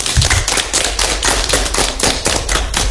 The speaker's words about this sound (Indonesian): Tepuk tangan buat kita dulu.